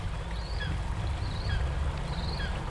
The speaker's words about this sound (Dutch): De vogels blijven fluiten. Het water blijft kabbelen.